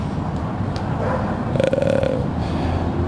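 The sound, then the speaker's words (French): Steady low rumble of an RER B line commuter train passing underground, heard through a grate, with a brief metallic squealing tone rising midway before the rumble carries on. No voices. “Puis, en fait, là-dessous, c'est le RER qui passe le RERB.”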